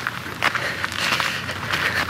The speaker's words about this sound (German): In der folgenden Nacht hatte ich den Hof fast schon verlassen, als ich plötzlich Schritte hinter mir hörte.